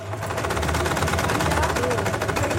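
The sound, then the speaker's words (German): Several sewing machines, brought along by women, men and children in a sewing course at Freiraum 22, run at once, a dense, rapid mechanical clatter with a steady hum underneath. The whirring stays loud and continuous, with voices murmuring faintly beneath it. “Die Frauen, Männer und Kinder im Handarbeitskurs beugen sich über ihre mitgebrachten Nähmaschinen.”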